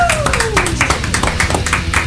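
Applause in a studio for a birthday guest arriving, steady, rhythmic hand claps, about five per second, loud and continuous, with a brief falling pitched tone sliding down at the start.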